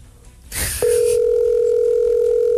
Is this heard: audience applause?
no